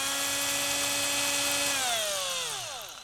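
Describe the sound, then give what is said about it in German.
An electric drill whines at a steady high pitch for a couple of seconds while boring a hole in the middle of a drawn triangle, then winds down as the motor slows, with no voices. “Dazu bohren wir in der Mitte des Dreiecks ein Loch.”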